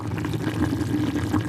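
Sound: water sloshing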